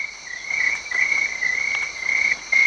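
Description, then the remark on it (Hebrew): A cricket chirps steadily on a tree trunk in a forest, a high, sharp trill repeating in quick pulses with short gaps, over a faint outdoor hush. “היא הלכה לכיוון הצליל, ועל הגזע של אחד העצים ראתה את צרבו הצרצר.”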